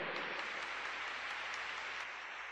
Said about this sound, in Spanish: Dale ese aplauso bien fuerte al Señor.